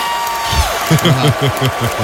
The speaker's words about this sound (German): Wir sind hierher gekommen, indem wir den Lake Ontario überquert haben. Publikum hat es richtig gefeiert.